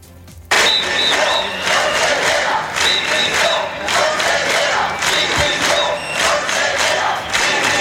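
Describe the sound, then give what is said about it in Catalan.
A large crowd of hundreds of teachers and students protests at the doors of Gandia town hall before a council plenary session, chanting and shouting in loud, rhythmic bursts, with whistles piercing through repeatedly over a constant roar of voices. “Amb la concentració de centenars de professors, professores i alumnat a les portes de l'Ajuntament abans de l'inici del plenari, minuts després han entrat dins del plenari, és este el so que escoltaven, han interromput durant uns pocs minuts”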